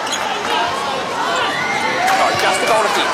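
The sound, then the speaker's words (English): A netball stadium crowd reacting to play involving Aiken-George and Courtney Bruce, a steady, dense roar of many voices, overlapping shouts and calls rising slightly toward the end, with no single voice standing out. “Oh, the crowd.”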